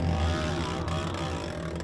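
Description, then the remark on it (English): A racing motorcycle running without its exhaust pipe at Dark Canyon drones loudly. Its raspy, harsh, unmuffled buzz holds a constant pitch with a slight waver throughout. “I'm just here above Dark Canyon and I can hear one of the bikes sounds really funny. It looks like somebody's maybe ripped an exhaust off or something like that.”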